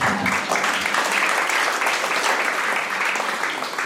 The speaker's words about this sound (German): Stellvertretend sage ich jetzt, schön, dass Sie da sind, liebes Publikum. Sie können sich auch selbst einen Applaus geben.